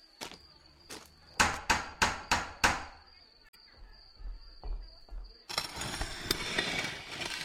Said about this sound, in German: Kleinwüchsige bitte den Türklopfer betätigen.